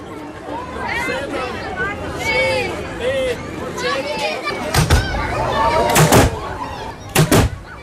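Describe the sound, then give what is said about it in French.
A murmuring crowd chatters with overlapping voices on a Ramadan evening in Sarajevo, then a cannon shot booms out announcing the breaking of the fast for practising Muslims, followed by two more sharp, loud blasts in the final seconds, cutting through the hubbub. “Comme tous les soirs de Ramadan à Sarajevo, ce coup de canon annonce la rupture du jeûne pour les musulmans pratiquants.”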